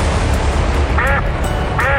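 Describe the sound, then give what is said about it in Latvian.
A duck quacks twice in a Pinotex paint advertisement, each call short and nasal, about a second apart, standing out clearly over a steady, dense background rumble. “Ar Pinotex, kā pīlei ūdens, viņi saka.”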